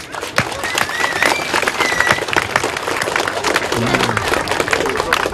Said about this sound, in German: Ihr habt euch wahnsinnig ins Zeug gelegt, gebastelt, verkleidet und euch auf diesen Tag vorbereitet, damit er für jeden von uns etwas ganz Besonderes und Unvergessliches wird. Damit nochmal einen riesengroßen Applaus an euch alle.